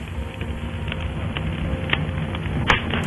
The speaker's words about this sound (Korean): 화로불이 타닥타닥 타오르며 이야기가 무르익던 그때 아펜젤러가 조심스레 말을 꺼낸다.